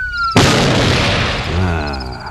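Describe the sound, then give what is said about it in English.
A single loud shotgun blast, fired to turn off a siren, cuts off its steady high siren-like tone, then its heavy boom rumbles and fades over the next two seconds. “I guess that's what the shotgun's for.”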